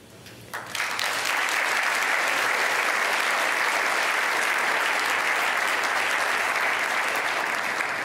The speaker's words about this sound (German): Und hier sind so viele Menschen und klatschen. Danke, dass Sie alle gekommen sind.